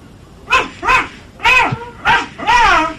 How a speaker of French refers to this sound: Il y a les 2 chiens avec moi, là, qui sont dehors. Tu les fais aboyer un peu pour que j'entende comme ils font.